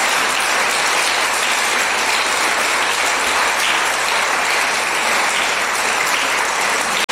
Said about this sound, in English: Applause to all our teachers. We thank you both.